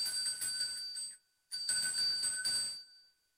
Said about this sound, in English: Yeah, and then I've also got a gorgeous little bell which is used for cleansing. Mm-hmm. So we might give it a little ding.